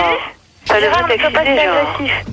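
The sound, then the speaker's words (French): During a group debate, someone's radio plays in the background, carrying a tinny, narrow-sounding voice that speaks steadily after a brief pause, fairly loud and slightly muffled. “Alors celui qui a la radio derrière, il arrête.”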